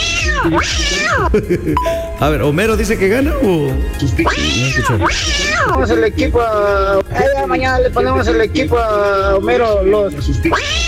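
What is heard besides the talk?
cat meowing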